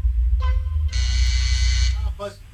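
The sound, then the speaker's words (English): A harsh, steady game show buzzer blares for about a second during a trivia quiz, a loud flat electronic tone rich in high overtones, with brief voice sounds just before and after it. “Buzzer went off.”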